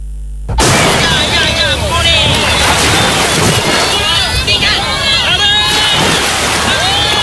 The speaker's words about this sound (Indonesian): Irama deburan ombak bersaut-sautan beriringan dengan suara ceria para nelayan yang pulang dari menangkap ikan. Rutinitas yang selalu dilaksanakan di sebuah kampung bernama Kampung Malabro ini.